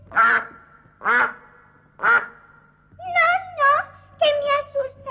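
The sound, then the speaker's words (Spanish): A voice imitates a duck: three loud, nasal quacks at an even pace, then a quicker run of higher, warbling quacks. The sounds are alone, with no other talk. “Decidme, señor pato, ¿cómo haréis por la noche?”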